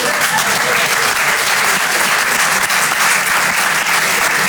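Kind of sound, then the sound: crowd, audience applauding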